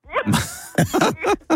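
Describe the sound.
A child's voice imitates a horse at a shiva condolence visit: a breathy, snorting burst followed by a quick series of high, wavering whinny-like yelps, fairly loud.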